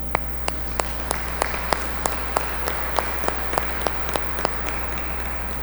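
An audience claps in steady unison, sharp crisp claps falling in an even rhythm about three per second for several seconds over a low, constant background hum, with no one speaking.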